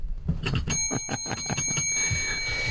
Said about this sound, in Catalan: Fem un aplaudiment dins de l'estudi. Sí, sí, sí. No tenim el timbre aquí dins. Sí. Està allà, toca el timbre.